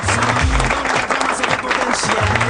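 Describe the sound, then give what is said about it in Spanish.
An audience in San Luis applauds steadily, a dense, loud wash of many hands clapping that holds for the whole stretch, with low humming tones faintly running underneath. “¿No hay aplausos ahí?”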